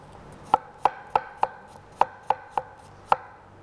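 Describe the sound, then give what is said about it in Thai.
Eight sharp knife chops strike a cutting board at a steady, slightly uneven pace, crisp, as a washed apple, with its peel left on and its core removed, is cut into small pieces to be blended into a sauce. No one speaks. “แล้วก็แอปเปิ้ลล้างให้สะอาดแล้วก็หั่นเป็นชิ้นเล็กๆเราใช้ทั้งเปลือกเลยเอาส่วนที่เป็นไส้แกนกลางนี่ออกซะแอปเปิ้ลเนี่ยเราต้องใช้ทั้งเปลือกเพราะว่าเราจะได้สีของเปลือกด้วยนะคะ”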